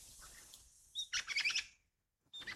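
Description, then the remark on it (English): A lyrebird mimics one of the melodious, liquid song phrases of a pied butcherbird: a short burst of bright whistled notes, clear with no talking, then a brief silence before another phrase begins. “Imitated again perfectly by this lyrebird. There, one of the many melodious liquid song phrases of the pied butcher bird.”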